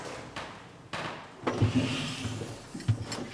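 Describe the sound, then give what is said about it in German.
An old elevator door, with the elevator still almost in original condition, is closed and latched by hand: a couple of light knocks, then a rumbling scrape as it slides shut and a solid thud as it latches, with no talking. “So, Türen müssen wir von Hand verriegeln.”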